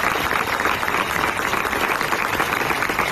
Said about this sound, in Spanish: La mort de la Mari Carmen va agafar per sorpresa els 2.000 acampats a la Porta del Sol de Madrid que van rebre la notícia en plena assemblea. Després d'un minut de silenci improvisat, li van dedicar un aplaudiment que es va allargar una bona estona.